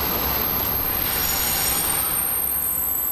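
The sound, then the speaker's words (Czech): A train heading to Prague's Bubny station rolls into Kladno main station, Czech Republic, with a continuous high-pitched squeal of wheels over a steady, loud rumble of rail noise, without voices. “Na kladenské hlavní nádraží přijel vlak, který míří do pražských Bubnů.”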